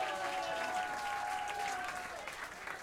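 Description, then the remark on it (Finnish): Steady applause from a crowd at a live concert event, given for one of the We Jazz DJs, fills the whole moment, dense clapping with a faint lingering tone beneath that fades out partway through. “Taputtakaa hänelle, hän kuvartaa.”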